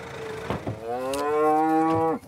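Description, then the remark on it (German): A Charolais cow, Peter, the oldest cow in the herd, lets out a long, drawn-out moo with a rich harmonic tone, rising slightly and holding steady before breaking off, preceded by a couple of short grunts, among 700-kilo mother cows on pasture awaiting their calves. No one speaks. “Und Peter, die älteste Charolais-Kuh in der Herde, ist heute besonders besorgt.”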